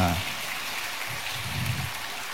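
An audience applauds with a steady, dense crackle of many hands clapping, sustained evenly for a couple of seconds while a faint voice murmurs underneath.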